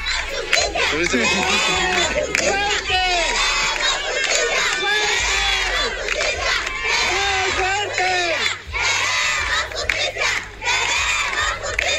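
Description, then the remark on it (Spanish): Dozens of neighbours protesting and blocking Avenida Eugenio Garzazada near Parque Canoas, demanding justice after a traffic tragedy, shout and chant loudly, many voices overlapping in rising, pitched cries that continue without pause, with a low steady rumble underneath. “hubo una serie de protestas, hubo bloqueos incluso en la avenida Eugenio Garzazada.”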